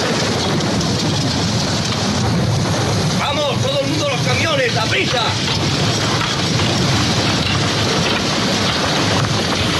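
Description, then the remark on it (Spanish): Heavy, steady rain pours down throughout on prisoners building a road in the film Cool Hand Luke, a dense hiss, with indistinct voices rising briefly through the downpour around the middle. “y hay un momento en el que lloviendo, mientras hacen una carretera a los presos y tal, el protagonista es Paul Newman, que escuchamos este fragmento.”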